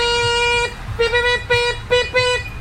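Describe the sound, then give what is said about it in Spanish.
A small tricycle horn honks repeatedly: one long blast followed by a quick series of shorter toots, bright and nasal, loud with no talking over it. “Oye, la bocina de triciclo.”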